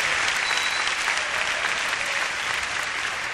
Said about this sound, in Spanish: ¡Dale un aplauso!